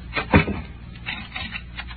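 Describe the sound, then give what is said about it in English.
A door thuds shut with one solid knock, followed by a few faint metallic clicks and rattles as the door is locked, otherwise quiet. “Do you have to lock the door? Yeah, I think I do.”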